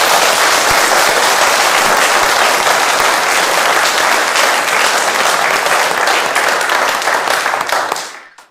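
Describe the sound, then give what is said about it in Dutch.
Loud, sustained applause from an audience at a special religious service, thanking the singers and musicians: a dense crackle of many hands clapping at a steady level for about eight seconds before quickly fading out. “Graag nog een keer een heel groot applaus.”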